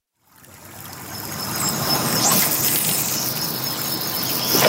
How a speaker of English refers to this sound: You're listening to the sounds of the West Fork of the White River in north central Indianapolis, here on 90.1 WFYI.